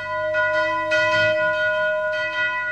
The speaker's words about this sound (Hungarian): Harang szólj!